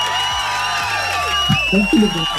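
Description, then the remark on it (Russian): An applause sound effect played on Europa Plus radio: a crowd cheers and applauds loudly and continuously, with high whoops and shouts rising over a dense wash of clapping for a couple of seconds. “Эти аплодисменты для вас.”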